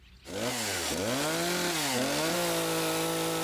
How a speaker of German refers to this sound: In ihrer Werkstatt ist Stefanie Weilkiens fleißig, die Sägebiene, wie sie sich selbst nennt. Sie sägt Skulpturen aus Holz.